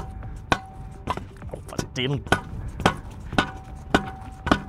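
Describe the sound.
A reporter drives something into the ground with a hammer, about eight sharp blows at a steady, unhurried rhythm, with a voice briefly sounding between strikes.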